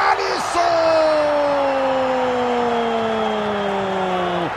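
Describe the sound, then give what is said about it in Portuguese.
A stadium crowd roars steadily at a football match between Brazil and Haiti, Brazil leading 3-0 as Haiti play the ball after a corner, a dense, continuous wash of cheering with a sustained horn-like tone gliding slowly downward in pitch above it. “A torcida eufórica vem pro toque de bola do Haiti, levantamento na boca do gol.”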